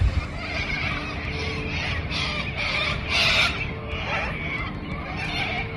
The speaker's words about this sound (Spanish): Allá la paz de una pequeña ciudad se vio perturbada por una alada invasión. Sorpréndase. Cientos o tal vez miles, las aves invadieron toda una ciudad en Australia.